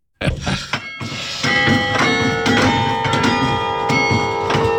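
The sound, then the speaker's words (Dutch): Church bells ring out a slow song melody, played by a person on the bells of a church, each struck note blooming into long, overlapping metallic tones that hang in the air. The sound is fairly loud and steady, with no voices. “En dan werd dat nummer dus gespeeld op het, op de kerkklokken.”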